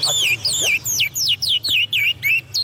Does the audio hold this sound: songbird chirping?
yes